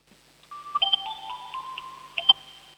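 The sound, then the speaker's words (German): An electronic doorbell at a home in Upper Austria plays a short, bright melodic tune of steady beeping tones for about two seconds, with a couple of sharp clicks near the end and no voices. “Das ist ja eine coole Türklingel.”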